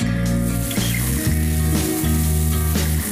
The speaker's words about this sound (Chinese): 盛夏，人群中最热的当属烧烤，炭火上的肉串滋滋作响，食客们也在一烤一撸的豪爽中享受着美食独有的治愈力。